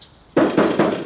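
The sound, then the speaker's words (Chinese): Three loud, firm knocks on a door in a steady rhythm at nine in the morning, calling on the person inside to open up, following a faint high tone; no voices are heard. “七十三，开门。”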